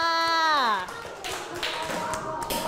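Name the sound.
children clapping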